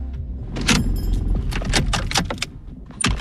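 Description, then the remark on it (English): A car engine rumbles low as the vehicle pulls up and parks at a suburban unit in Launceston, Tasmania, Australia, with keys jangling and a few sharp clicks over the top. “I've pulled up to a suburban unit in Launceston, a small city in Tasmania, the island state at the bottom of Australia.”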